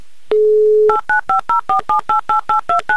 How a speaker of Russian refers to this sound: Итак, набираю ваш номер телефона. Еще раз попытка номер два.